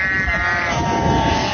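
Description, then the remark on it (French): A sheep bleats loudly, one long wavering cry that fills the moment, with a low rumble like wind underneath. “Et aussi le vent, pour nous les bergers, c'est hyper dur parce que quand il y a du vent, les moutons, oh, ils sont portés par le vent.”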